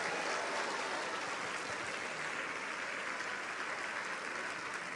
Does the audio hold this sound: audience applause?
yes